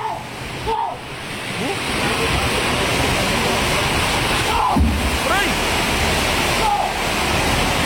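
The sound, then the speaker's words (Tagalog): Heavy rain pours down in a steady, dense hiss that holds at the same loudness throughout, with a few brief, faint voices breaking through the roar now and then. “Yan ang ulan na.”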